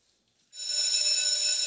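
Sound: school bell ringing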